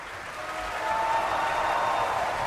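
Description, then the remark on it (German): Sustained applause from a large opera audience at a curtain call for the Finnish bass Mika Kaares, a dense, steady wash of clapping that swells slightly and holds at a strong level throughout, with no voices over it. “Und jetzt noch einmal viel Applaus für den finnischen Bass Mika Kaares,”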